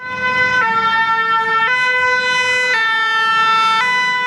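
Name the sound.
fire engine siren passing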